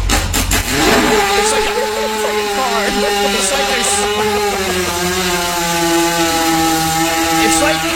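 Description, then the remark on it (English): A few rough sputters, then a small motorbike-like engine catches and drones steadily at a buzzing, mid-pitched idle, loud for several seconds with slight wavering in pitch. “It's like they're starting at like a 250cc motorcycle, like a dirt bike. It won't start.”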